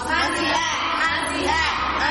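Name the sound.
applause sound effect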